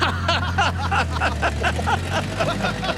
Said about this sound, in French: Oh, vous savez ce modèle? Il fait tut tut. Ah non, Monet, il fait vroom vroom.